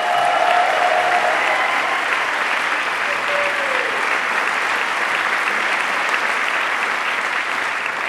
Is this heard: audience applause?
yes